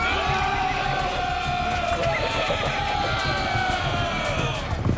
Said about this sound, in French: Mais les scythes sont d'excellents archers. Ils décochent leurs flèches depuis leurs chevaux lancés au galop.